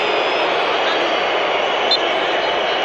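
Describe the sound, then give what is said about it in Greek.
A huge stadium crowd in Los Angeles, with Spanish and Austrian fans in red, boos the FIFA president in a loud, unbroken roar. It holds steady for the whole few seconds, a thick wall of voices with no pauses or distinct individual shouts. “Έντονες αποδοκιμασίες για τον πρόεδρο της FIFA από τον κόσμο.”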